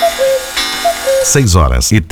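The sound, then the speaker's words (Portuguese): A steady tick-tock of a clock, sounding as short alternating tones, runs for about a second as a time check at 6:33, before a man starts talking loudly over the end of it. “Confira comigo os relógios à hora certa.”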